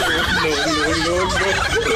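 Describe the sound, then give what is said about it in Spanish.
A turkey gobbling sound effect: a loud, rapid, warbling gobble that runs continuously through the whole two seconds, full, with no talking over it. “Oye, por cierto, quiero mandar, ahorita que escuché eso del guajolote,”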